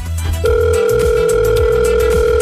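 A steady telephone ringback tone starts after a short pause and holds unbroken to the end, loud and clear over a low rumble of background noise, with nobody answering.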